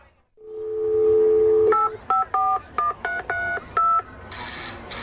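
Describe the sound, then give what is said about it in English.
A steady dial tone hums, then gives way to a quick series of about seven clear, beeping keypad tones as a phone number is punched in, followed by a brief burst of static. “Can't you see I'm on the phone?”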